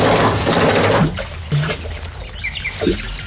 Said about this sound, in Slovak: Chcel som nechať studňu vyčistiť, ale tak vrela, skoro z nej ohne šľahali.